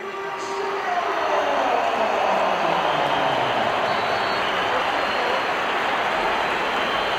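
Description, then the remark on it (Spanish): A stadium crowd roars in a dense, steady wash of applause and whistling that swells within the first second and stays loud and unbroken to the end, the whistles sounding louder than the applause. “Aquí se han oído pitos, pero claro, pero a lo mejor creo, en el campo se han oído también aplausos.”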